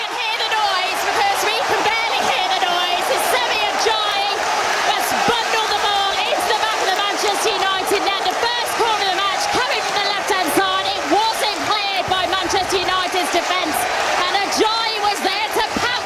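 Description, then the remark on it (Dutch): A football crowd at a Hull home match in the Premier League roars after Hull's goal from the first corner, about a quarter of an hour in, making it 1-0. A dense, sustained wall of cheering voices with whoops and yells rising out of it, loud and steady for the whole stretch. “Er was behoorlijk wat gejuich daar inderdaad.”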